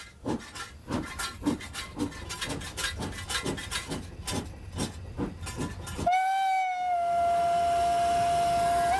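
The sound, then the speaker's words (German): A steam locomotive pulling ten passenger carriages and a baggage car, with nearly two tonnes of hard coal bunkered, pulls away with a steady run of loud, rhythmic chuffs, then gives a long, sustained whistle blast that holds a steady pitch to the end. “Feuer, Wasser, Dampf. Die alte Technik begeistert wie vor 100 Jahren.”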